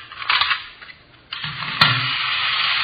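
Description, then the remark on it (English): The small motor of a miniature Sherman toy tank whirs with a buzzy, mechanical hum, sputtering briefly at first, then running steadily and fairly loud with a brief click partway through. “Miniature Sherman tank. What's it do? Watch.”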